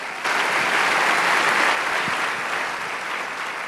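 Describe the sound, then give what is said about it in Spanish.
An audience breaks into loud, sustained applause for Jesus, a dense wash of clapping that starts abruptly and holds steady for several seconds before easing slightly, with no speech over it. “Ese Jesús está hoy aquí con nosotros. Fuerte el aplauso.”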